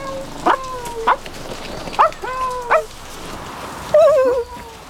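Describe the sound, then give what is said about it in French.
A dog gives several short, high yipping barks spaced a second or so apart, then lets out a longer wavering whine, with no talking. “Les chats et les chiens sortent de leurs cachettes.”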